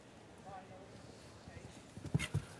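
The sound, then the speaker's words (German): Muffled hoofbeats of a horse in a show jumping round thud across an arena as horse and rider head to the next jump, with a few sharper knocks near the end, all under a steady low background hum. “Zum nächsten Sprung hin, auf der Linienführung, die Balance im Pferd.”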